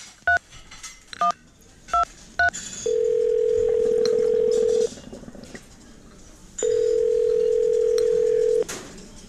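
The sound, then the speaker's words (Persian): A number being dialed on a telephone at a teahouse that also serves food: a quick sequence of four short keypad beeps, followed by two long steady tones with a pause between them, clear against a faint background murmur. “آره آره میتونی، بیا از این تلفن شماره تو بگیر.”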